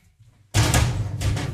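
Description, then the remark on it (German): A door opens after a moment of near silence as someone steps outside, bringing a sudden loud rush of broad noise that continues to the end with a couple of swells. “Ich muss ganz kurz mal eben vor die Tür.”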